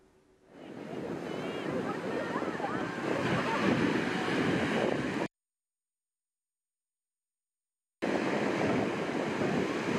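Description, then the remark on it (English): Ocean waves crash onto Seabright State Beach in Santa Cruz, California, in a loud, continuous roar, with wind noise and a sudden few seconds of silence partway through; the waves increase in intensity. “I was walking along the beach and the waves just kind of turned in a heartbeat. They were normal pace and then it just started increasing in intensity.”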